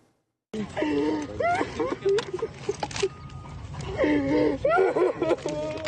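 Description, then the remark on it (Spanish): A man just rescued after an earthquake breathes heavily and laboriously, with strained gasps and whimpering groans, continuous, while other voices talk urgently over and around him, telling him to control his breathing. “Controla tu respiración, móvil. Respira profundo.”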